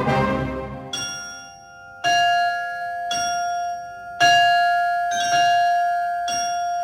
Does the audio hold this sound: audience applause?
no